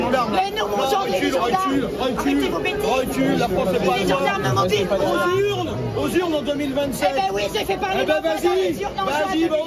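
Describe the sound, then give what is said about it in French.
A loud, dense crowd of far-left activists shouting and yelling together against Marine Le Pen's visit to the town of La Flèche, France, overlapping chants and cries forming a continuous roar of protest with no pauses throughout. “écouter attentivement ces militants d'extrême gauche qui hurlaient à plein poumon contre la présence de Marine Le Pen dans cette ville”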